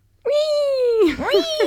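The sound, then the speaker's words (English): A voice imitates a flamingo call with one long, steady, high-pitched squeal that sags slightly in pitch, then breaks into a few quick warbling upward and downward swoops. “What is the noise a flamingo makes?”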